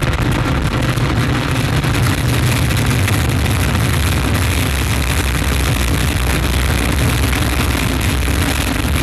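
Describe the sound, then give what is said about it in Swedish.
A rocket lifting off after Vulcain engine ignition and EAP ignition: a loud, unbroken roar of engine thrust with deep rumbling lows and harsh hiss, holding steady at full intensity throughout, with no voices. “Top, allumage EAP, décollage.”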